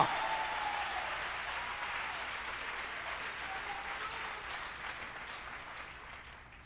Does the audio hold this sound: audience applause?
yes